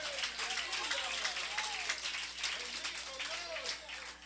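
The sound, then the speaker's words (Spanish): A church audience claps steadily and loudly for several seconds, a dense wash of applause for the Lord in the afternoon, with voices calling out and talking underneath. “Dele un fuerte aplauso al Señor esta tarde, iglesia.”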